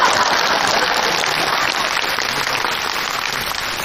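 An audience applauds steadily for a few seconds, a dense, even wash of many hands clapping at once, fairly loud, with no voices heard over it.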